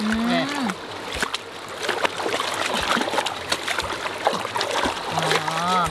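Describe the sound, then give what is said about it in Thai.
Pounded ingredients are rinsed in water with a net, the water turning cloudy, making continuous irregular sloshing and splashing. Brief bits of talking come at the start and end. “อันนี้เดี๋ยวทุบแล้วก็ล้างในสวิงเหรอคะ ดูแม่ล้างเดี๋ยวน้ำนี่มันจะออกขุ่นๆ อ๋อเดี๋ยวน้ำขุ่นๆจะออกแล้วใช่ไหมคะ นี่แหละ”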